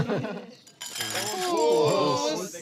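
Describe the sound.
Glasses clink together in a toast, bright ringing tones lingering for a moment while several voices talk and murmur.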